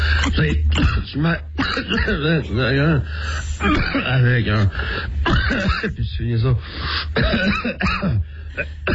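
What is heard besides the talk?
coughing and throat clearing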